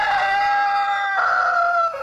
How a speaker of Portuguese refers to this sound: Primeiro o galo, canta galo.